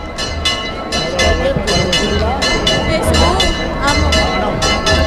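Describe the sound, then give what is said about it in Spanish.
Church bells ring in a quick, steady series of clanging strikes with a sustained metallic hum, over a dense murmur of crowd voices that stays loud throughout, as people of Almonte carry the Virgen del Rocío in procession. “Se escucha las campanas y la gente, sí.”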